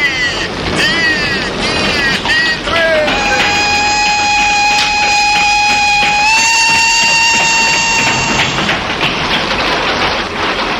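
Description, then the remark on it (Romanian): A train rumbles along the rails with loud, continuous noise, and a long, steady whistle sounds for several seconds before the rolling clatter continues. “Ce tren politicos.”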